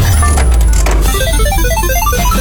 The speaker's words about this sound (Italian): allora siamo arrivati al momento del gioco, quindi sigla e si parte.